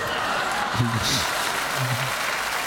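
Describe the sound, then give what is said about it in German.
Steady, dense applause from a crowd of clappers fills the whole moment at an even level, with a couple of short vocal sounds rising briefly over it. “Klatsch, klatsch, klatsch, klatsch.”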